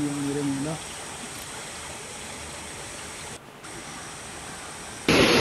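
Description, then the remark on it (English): Fast-flowing floodwater after heavy rain near Saharapur in UP rushes in a steady, dense roar from start to finish, with a brief tonal hum at the very beginning and a sudden louder surge of water noise at the end. “These bodies became visible in the flowing water, and later on, locals reburied those bodies with dignity and respect.”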